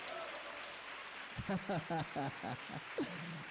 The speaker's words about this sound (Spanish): Si está conmigo, dele un aplauso al Señor.